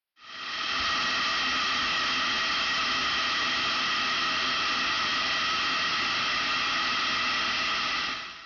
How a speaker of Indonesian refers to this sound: Dengan menguapnya seperti ini, selama 2-3 menit, panas uap langsung masuk ke wortelnya, sehingga batangan wortel akan menjadi lembut.